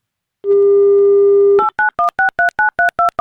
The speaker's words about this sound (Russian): Итак, набираем номер телефона.